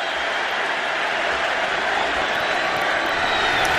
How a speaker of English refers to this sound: So I'm going to play a little bit of that historic moment. Crowd's going crazy. That's right.